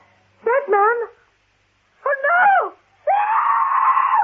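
A woman screams three times, loud and close: two short wavering cries separated by a pause, then a longer sustained shriek that holds steady to the end.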